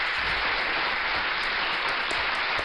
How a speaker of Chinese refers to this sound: 看来今天的这个校园安全的知识还有心理健康的问答，你们都闯关成功啊，给你们再一次大大的掌声。